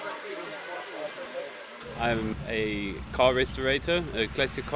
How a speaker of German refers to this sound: Dieser dampfbetriebene Lastwagen, ein Sentinel S4, stammt aus den frühen 30er Jahren.